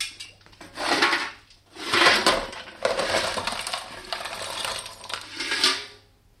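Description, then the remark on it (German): Lumps of coal clatter and scrape as they are shovelled into a fireplace on a bitterly cold evening, coming in four or five loud, gritty rattling bursts with short pauses between them, and no voices. “Ich wollte nur noch etwas Kohle für Ihren Kamin bringen.”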